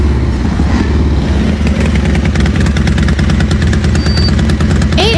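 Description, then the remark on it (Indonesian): A motorcycle engine idles loudly in a queue for petrol at a filling station, with a steady, rapid low putter, occasionally rising slightly as if lightly revved, running continuously throughout. “5 motor lagi. Ya, daripada ntar mogok di jalan.”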